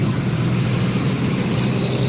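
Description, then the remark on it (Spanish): A steady, dense roar of morning road traffic in San Mateo, Soacha, Colombia, with engines rumbling, a continuous wash of vehicle noise at fairly loud level and no voices. “A esta hora ya se ve harto tráfico, ya está empezando a circular harto vehículos.”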